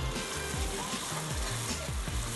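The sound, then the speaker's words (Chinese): Tofu skin that was already pan-fried sizzles steadily as it is stir-fried again in a hot pan with oil and ginger, a dense crackling hiss that runs continuously, with occasional low scraping and stirring sounds; no one speaks. “然后现在再把煎过的豆皮再拿来炒， 要把它煎恰恰。”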